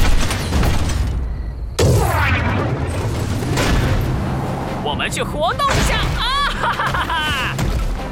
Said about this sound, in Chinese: 爆炸！糟糕，我们迟了一步。